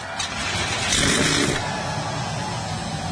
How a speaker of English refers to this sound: The command has been given. 37 NASCAR Cup Series cars come to life.